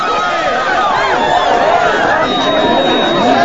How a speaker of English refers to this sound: The crowd of people rush in, pushing Bogey backwards.